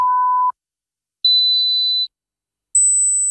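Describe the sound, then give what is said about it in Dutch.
Three separate pure electronic beeps with gaps between them, each higher than the one before, from a mid tone up to a thin, very high one, as a hearing check in an advertisement for hearing tests at Hoortzo in Spijkenisse. Steady and clear, with no voices. “Hoorde u geen drie pier zojuist?”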